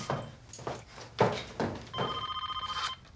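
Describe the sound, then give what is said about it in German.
A mobile phone rings with a fast, warbling electronic trill lasting about a second, preceded by a few dull thumps and handling noises. “Mama, wieso rufst du dich auf dem Handy an?”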